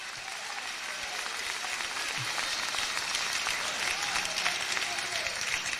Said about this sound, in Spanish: Si tiene vida, déle esas palmas al Señor con vida. Que hasta para eso son flojos los muertos.